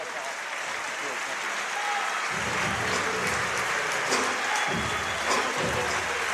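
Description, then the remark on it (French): A large crowd applauds steadily in an ovation as a player heads off to the locker room at the end of his game, a dense hiss of clapping filling the space with a low rumble of cheering underneath, sustained throughout like an arena ovation. “Mathieu Strasel qui rentre au vestiaire sous une ovation bien méritée”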